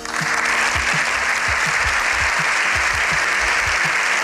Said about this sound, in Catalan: Set minuts ininterromputs d'aplaudiments al Congrés dels Diputats a Madrid després de sentir el discurs del Papa Lleó XIV.